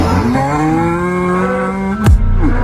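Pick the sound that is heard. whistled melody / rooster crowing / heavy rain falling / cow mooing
cow mooing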